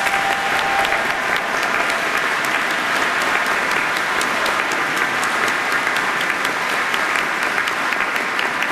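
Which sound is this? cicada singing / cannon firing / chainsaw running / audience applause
audience applause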